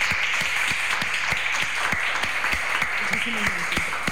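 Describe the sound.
A crowd applauds steadily, a dense wash of many hands clapping at a constant, fairly loud level, with a few sharper individual claps and a brief voice rising underneath near the end.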